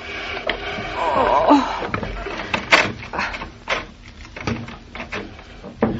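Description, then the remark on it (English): A heavy chair is pushed, not lifted, across a hard floor by two people, grinding and squealing in uneven bursts, broken up by dull knocks and thuds as it jolts along. “Give me a hand with the chair, Mama, will you?”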